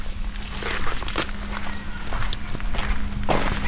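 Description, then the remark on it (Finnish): A car door lock clunks once, sharp and brief, near the end, as the car is locked in the yard of the Tuuri youth association, after a run of crunchy footsteps over a steady low hum. No one speaks. “Ja sitten kuuluu tämä lukitusääni.”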